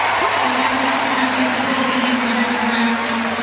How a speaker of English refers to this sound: That had the crowd roaring.